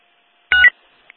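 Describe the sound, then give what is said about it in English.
A single short electronic keypad beep, as keys are typed to send notifications, sounds clearly, followed a moment later by a tiny faint blip. No one speaks. “I'm not just typing like Peter Griffin for no reason.”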